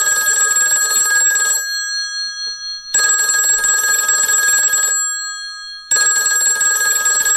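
A telephone rings loudly in three bursts of about one and a half to two seconds each, separated by short silent pauses, with no talking. It is a wild creature phoning into a children's radio show for the game Who's Calling.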